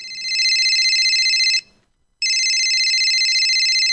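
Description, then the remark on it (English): A telephone rings loudly with a call to a radio show, a steady electronic trill sounding twice with a brief pause between rings, and no voices. “Thanks for ringing the show.”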